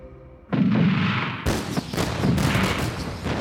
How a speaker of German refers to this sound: Ein französisches Kanonenboot, gesteuert durch Nina, eröffnet das Feuer auf den Hafen von Liverpool.